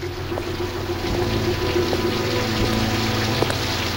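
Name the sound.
heavy pouring rain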